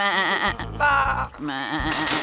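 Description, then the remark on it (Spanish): Several sheep bleat together in loud, overlapping, quavering cries, their wobbling pitches rising and falling for about two seconds, ending with a brief breathy hiss. “Muy bien, ovejas, carneros o lo que sean.”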